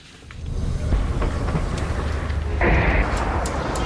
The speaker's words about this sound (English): We've just arrived at the hospital here in Nabatieh and we've just heard two loud explosions in the distance. A third one. And I can see a huge plume of dense, thick smoke billowing from a location not far from here, just behind the hills.